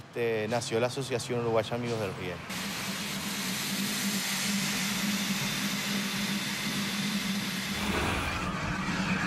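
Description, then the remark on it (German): A voice talks briefly at the start, then an oil-fired Beyer Peacock museum steam locomotive in Uruguay, running tender-first from the engine shed towards Estación Nueva, takes over with a loud, steady roaring hiss over a low mechanical rumble, continuous to the end. “Seit 2007 ist die ölgefeuerte Bayer Peacock als Museumslok unterwegs. So auch heute.”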